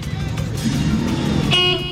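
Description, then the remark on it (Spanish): Steady street traffic rumbles on the Séptima at 40, and near the end a car horn sounds briefly over the engine noise, with voices faintly mixed into the background. “Igual también hay, como que todo el mundo está echando por este lado, porque también hay bastante tráfico por la séptima.”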